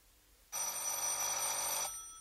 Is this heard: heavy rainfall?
no